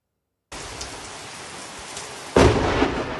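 Steady rain hisses, then a sudden, very loud thunder crack from a close lightning strike bursts out and rumbles on over the downpour.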